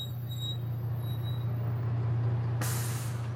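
The engine of a fully packed bus in Tanzania, on a 10-hour ride to Dar es Salaam, idles with a steady low rumble, then a sharp, loud hiss of air brakes bursts out near the end and keeps going.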